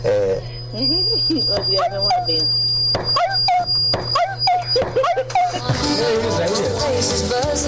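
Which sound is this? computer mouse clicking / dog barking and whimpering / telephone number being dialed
dog barking and whimpering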